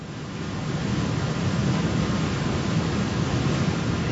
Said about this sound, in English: Okay. Looks pretty. I do not want to fall down into that waterfall.